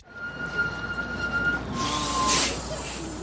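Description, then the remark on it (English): Street traffic with a steady, high-pitched engine whine from a bus, its tone shifting lower partway through, followed by a short burst of hissing like air brakes. No one is talking. “Oh, I got stuck behind the bus again.”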